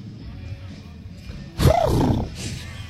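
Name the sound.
voice imitating a horse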